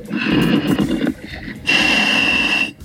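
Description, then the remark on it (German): A diver's heavy breathing comes over a radio link while he dives in the Mummelsee: two long, harsh, hissing breaths with a whistling edge, loud, separated by a brief pause. “Darth Vader im Mummelsee. Jetzt hört man ihn richtig atmen.”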